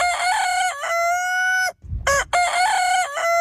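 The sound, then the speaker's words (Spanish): A rooster crows loudly, its long strained calls repeating with a brief pause between, while hens cluck around it. No one speaks. “Y también eran la gallina, la depuradora de la casa, pues se comían todo, restos de verduras, frutas, pochas, restos de comida.”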